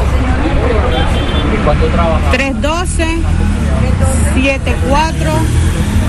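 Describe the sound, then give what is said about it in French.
Busy street ambience in the town centre of Maicao, at a woman's workplace: a steady rumble of passing cars and buses with overlapping voices chattering throughout, loud and continuous. “Nous la retrouvons dans le centre-ville de Maicao, sur son lieu de travail.”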